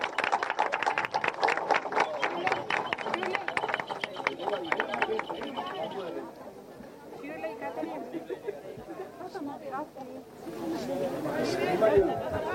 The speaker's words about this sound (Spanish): Fuerte los aplausos.